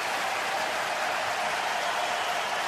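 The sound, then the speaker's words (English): A large hockey arena crowd at SAP Center roars and applauds in a steady, dense wash of noise that holds evenly throughout, with no single voice standing out. “Now you can hear the response from the crowd here at SAP Center. They like the way the Sharks are playing.”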